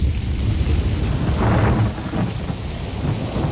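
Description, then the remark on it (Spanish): A thunderstorm with steady, dense rain hissing throughout and a deep rumble of thunder swelling in the middle before fading back into the downpour. No voices are heard. “Un placer reencontrarte contigo siempre, Cristina, tras la tormenta y cuando el cuerpo aún está notando la humedad alrededor.”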